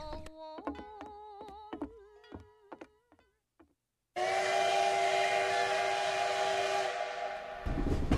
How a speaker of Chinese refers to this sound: 小小的本溪湖火车站被日本宪兵围得水泄不通，如临大敌。看来这位神秘人物就要到了。中午11:29，一辆专列从安东方向缓缓驶来。火车停好，